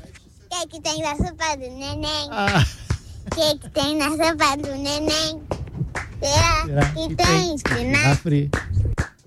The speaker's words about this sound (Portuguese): ela falou que quer cantar uma música. Vamos lá.